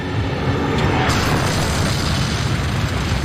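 A loud artillery shell explosion hits an assault gun, a heavy booming roar with deep low rumble and hissing noise that stays dense and steady for several seconds, with no voices.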